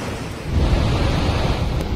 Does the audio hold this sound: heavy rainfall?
yes